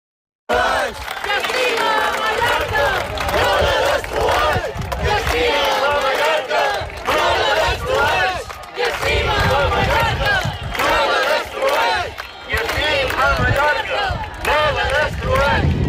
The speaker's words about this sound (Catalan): Són els crits de les 10.000 persones que han participat a la cadena humana que diverses organitzacions ecologistes de Mallorca han fet avui al matí com a rebuig a l'especulació immobiliària que està degradant espais naturals com Estrenc, afirmen.